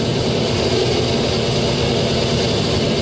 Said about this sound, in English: A whole bunch of wild tones is coming in. Very ugly, creaking sounds. Eardrum destroying, nasty sounds. And even sounds like from the dentists.